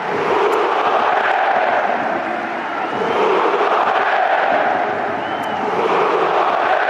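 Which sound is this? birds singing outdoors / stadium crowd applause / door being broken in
stadium crowd applause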